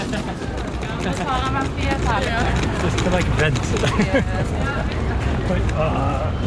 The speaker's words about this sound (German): Leider regnet es und windet, aber ich kann es nur am Rand erwähnen.